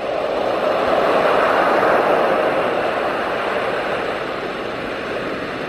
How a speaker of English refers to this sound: Turn on soothing baby sounds. Wait for sleep to wash back over her.